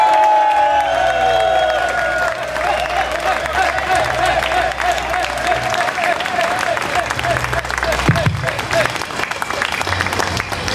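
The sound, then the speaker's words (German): Loud, sustained applause from a large crowd at the Heinerfest in Darmstadt, in the Heinergarten, welcoming the Heinerfest president on stage. Dense clapping fills the whole stretch with scattered cheers and whoops. A low hum and faint tonal sounds sit underneath. “Bitte begrüßt mit einem tosenden und kaum enden wollenden Applaus meinen sehr geschätzten Bühnenpartner und Heinerfestpräsidenten”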